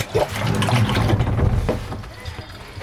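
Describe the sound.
Close-up sloshing and gurgling of water as a pump is lowered into a full container, with soft splashes and knocks over about two seconds, and muffled voices in the background.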